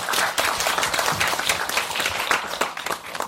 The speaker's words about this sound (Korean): 큰 박수로 이때 쳐주세요.